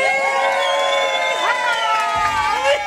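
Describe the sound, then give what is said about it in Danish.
A party crowd in Gilleleje cheers loudly and steadily while voting for a song, many overlapping voices shouting and whooping in a dense, high-pitched roar that holds for the full few seconds. “Lad os lige høre her fra festen i Gilleleje.”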